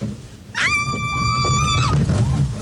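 A boat on a new wild-water log flume ride plunges on a hot day with a loud, steady low rush of churning water, while a rider lets out a sustained high-pitched scream for about a second over the roar.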